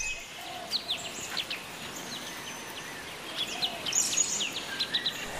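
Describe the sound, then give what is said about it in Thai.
Birds call in short, scattered chirps and tweets over a steady outdoor hiss, fairly faint, with a brief cluster of calls near the end, at a forest salt lick with water where animals come to eat mineral soil and drink; only a changeable hawk-eagle and red-wattled lapwings around, no large animals. “ซึ่งเป็นส่วนที่สัตว์เข้ามาใช้ประโยชน์มากๆไม่ว่าจะมากินดินแร่ธาตุแล้วก็มาดื่มน้ำนะครับอันนี้ผมมานั่งเฝ้าก็หลายชั่วโมงครับมีแค่เหยี่ยวต่างสีแล้วก็นกมุมนกกระแตแต่แวดครับยังไม่มีสัตว์ใหญ่ตัวไหนออกมานะครับ”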